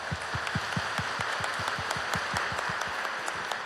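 Steady applause from an audience, many hands clapping in a dense, continuous patter with some sharp individual claps standing out, sustained at an even level throughout.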